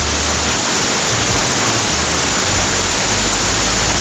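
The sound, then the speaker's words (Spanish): Heavy rain pours down in Chillán in a dense, constant roar, loud, with a steady wash of hiss and low rumble and no voices. “En este momento en Chillán tiran el agua con balde. Escuchen.”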